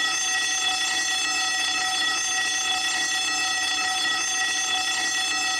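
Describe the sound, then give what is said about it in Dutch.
A school bell rings continuously for several seconds, a steady, loud, metallic electric ring with a bright, buzzing tone and no breaks, heard alone without any talking. “Ik hoorde de schoolbel.”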